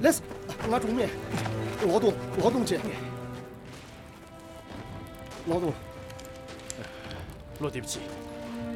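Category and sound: nature, rain falling on surfaces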